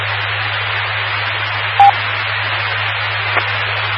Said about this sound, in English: I thought I got cut off. I heard the little beep on my radio.